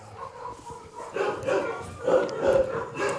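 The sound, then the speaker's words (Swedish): A small, scared dog, found in a forest by a man out picking mushrooms, yips and barks in quick, high-pitched bursts, about five in a row, with faint whimpering between them against a quiet background. “Men istället för svamp så hittade den en liten rädd hund.”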